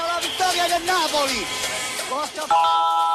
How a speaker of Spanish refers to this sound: Tu alarma Verisur ha sido conectada. Esto es lo que suena en tu casa cuando te protege el líder mundial en alarmas.